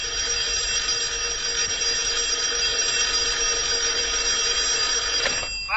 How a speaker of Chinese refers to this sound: 供应处来了电话。